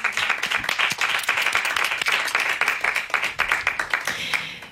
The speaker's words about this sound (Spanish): ¡Un aplauso para Fran Perea!